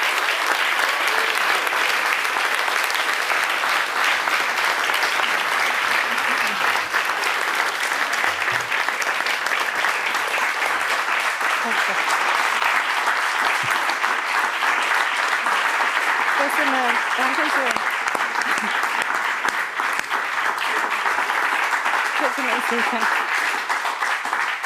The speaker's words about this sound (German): Viel Applaus für Kinga Tod und willkommen zurück hier im Saal, liebes Publikum.